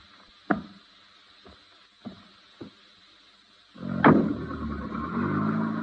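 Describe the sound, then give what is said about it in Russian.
A few scattered thumps and clicks, then a car engine turns over and settles into a steady rumble as the vehicle pulls away, with no voices. “Машина вас ждет.”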